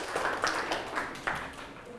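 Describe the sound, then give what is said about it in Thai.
A group of students clap together in a classroom for a classmate who answered a question during a lesson and earned a point. The claps form a quick, uneven patter of overlapping handclaps that lasts about two seconds, with faint voices mixed in. “ปรบมือให้เพื่อนหน่อยครับรับไปอีกหนึ่งคะแนน”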